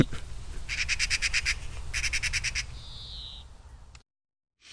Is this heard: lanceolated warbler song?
yes